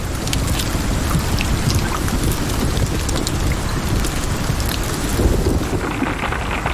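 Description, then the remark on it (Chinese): A thunderstorm: heavy rain pours steadily and loudly while deep, rolling thunder rumbles underneath for the whole stretch, with no voices. “大部分动物都在暴风雨中躲了起来。”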